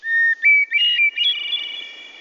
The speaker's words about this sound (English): Many people would tell you that hearing bird song, like the one from this hermit thrush, puts them in a good mood.